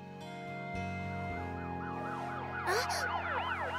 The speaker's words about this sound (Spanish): ¿Ah? ¡Un camión de bomberos! ¡Mamá! ¡Papá! ¿Escucharon eso? Sí, nos despertó también.